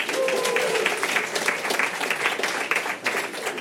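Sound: audience clapping to vote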